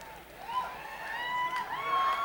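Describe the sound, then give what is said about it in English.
A single audience member at a live music performance lets out a long, wavering whoop and cheer, rising and falling in pitch, fairly loud against a faint background. “Hear that, Rick? You got a fan out there”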